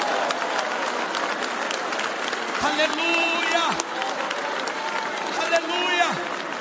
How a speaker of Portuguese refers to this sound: Você pode adorar o teu Senhor agora. Bate palmas da glória. Bate palmas da glória.